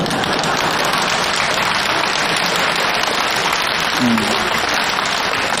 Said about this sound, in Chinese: 这回掌声就热烈了，大家伙也笑了